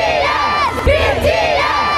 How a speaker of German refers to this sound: Und gleich eine Band, auch K-Pop, die hat gerade erst mehr als 70.000 Menschen zum Schreien gebracht.